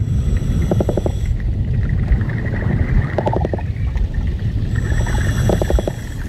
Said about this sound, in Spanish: Un hidrófono, un micrófono subacuático, nos ayuda a entender mejor este mundo, donde el sonido también sirve para la comunicación. Se comunican los peces de los fondos arenosos, como este corballo.